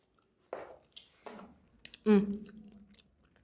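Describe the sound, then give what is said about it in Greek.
A voice imitates the crunchy chewing of someone eating guiltily in a school classroom, with three mouthy bursts of crunching and munching noises, the last one louder and more voiced, each separated by short pauses. “ακούστηκε ένας ύποπτος θόρυβος. Κράτς, κρούτς και μασουλήματα.”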